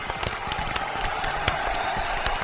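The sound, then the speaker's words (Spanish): A steady burst of applause: many hands clapping in a dense, even patter that holds at the same loudness throughout, with scattered sharper claps standing out and no voices. “¡Aplausos!”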